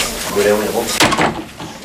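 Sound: door being closed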